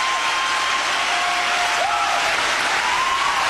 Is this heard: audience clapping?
yes